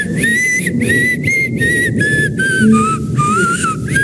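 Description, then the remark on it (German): A person whistles a short, slightly wavering tune in a string of distinct phrases with brief pauses, fairly clear, over a low background rumble. “paar Stunden noch und dann pfeifen viele von euch wieder auf die Arbeit”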